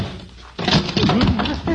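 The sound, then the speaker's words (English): After a moment of quiet, a sudden thump as someone stumbles going up steps, followed by a second or so of scuffling noise with a brief voiced sound mixed in. “Stumbled.”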